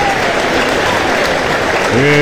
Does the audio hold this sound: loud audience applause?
yes